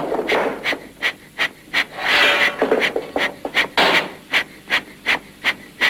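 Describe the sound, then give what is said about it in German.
Loud, harsh crackling from a spark-gap radio transmitter at a large transmitting station powered by a small 35 hp portable steam engine, keyed to telegraph in a steady run of short rasping bursts with a few longer ones, like Morse code. No voices. “Das laute Knattern des Knallfunkensenders ist weithin zu hören.”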